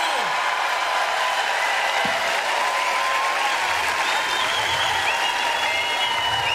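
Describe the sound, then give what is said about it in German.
Sustained, dense applause from a large concert audience in Bremen, a steady wash of clapping at even loudness throughout, with faint crowd murmur and a few whistles mixed in. “Einen ganz besonderen Applaus jetzt für Cindy.”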